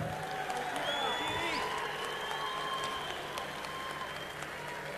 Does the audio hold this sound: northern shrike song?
no